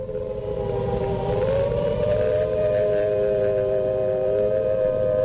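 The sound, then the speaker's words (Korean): An air raid warning siren in Sinuiju, Korea, wails steadily, holding a loud sustained tone that drifts slightly in pitch over a low rumbling background, with no voices. “공습경보 신호가 울린 지 얼마 안 되어 몇십 대의 미국 비행기들이 단독 맞은 쪽인 조선의 신의주 상공에 덮쳐들었다.”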